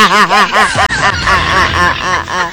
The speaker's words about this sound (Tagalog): may pato diyan